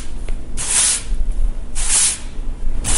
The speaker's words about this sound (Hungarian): Mi a második? Mivel összesöpörtek valamit? Rendben van, igen.